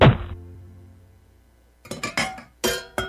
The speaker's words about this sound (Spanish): Así que me detuve frustrado y en cambio golpeé un poste.